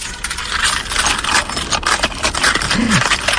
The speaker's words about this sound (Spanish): Bueno, pues al menos hay 24 personas que podrán agitar sus llaves al aire.